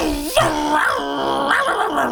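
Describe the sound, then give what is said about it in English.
A person vocally imitates the engine of a Yamaha WaveRunner jet ski, a sustained, warbling, growly drone that rises and falls in pitch for a couple of seconds, loud, with an almost dog-like snarl. “Don't want to make the jet ski noise? I don't think I can stop you.”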